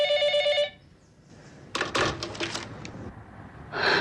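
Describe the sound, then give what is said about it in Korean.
A telephone bell rings loudly in a sustained burst at the start, followed by clattering, handling noises like a receiver being picked up, and another brief ring-like burst at the end. “종사전과의 입씨름을 그만두고 전화를 받던 진혜화의 목소리가 갑자기 180도로 변한다.”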